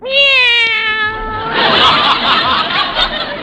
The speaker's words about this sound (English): Well, here they are. Meow.